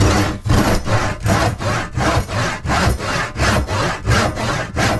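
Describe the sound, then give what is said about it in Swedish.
A hand saw cuts steadily through wood, each rasping stroke following the last in an even back-and-forth rhythm, fairly loud with no voices. “Vi vet att många daghem till exempel köper en såg.”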